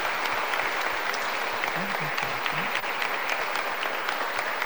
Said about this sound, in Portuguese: Uma salva de palmas para elas, né? Que bom.